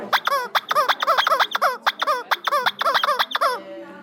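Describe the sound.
A toy rubber chicken, one of several used to make techno music, squawks in a rapid series of about a dozen shrill, honking squeals, loud, pumped out in a steady rhythm with a final drawn-out wheeze. No one speaks.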